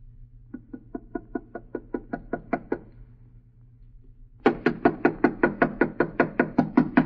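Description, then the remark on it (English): Knuckles rap on the wooden door of a house in a quick, even series of about a dozen light knocks. After a short pause comes a louder, harder burst of rapid knocking. “Knock harder, Alice. Knock harder. I can't. It hurts my knuckle.”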